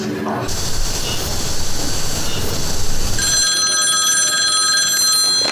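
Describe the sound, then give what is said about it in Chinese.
A telephone starts ringing partway through, a steady, bright electronic ring that follows a stretch of low rumbling background noise and stays fairly loud to the end. “哎呀，今天这是怎么了？又是门铃，又是电话。”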